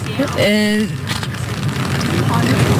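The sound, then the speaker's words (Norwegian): Rain crackles and patters steadily on umbrellas held by a crowd in Oslo, a continuous hissing wash, while a brief tonal voice rises early on and people murmur faintly underneath. “Vi hører det knittre litt i paraplyer der, men folk lar seg ikke skremme av regnet som nå faller over Oslo.”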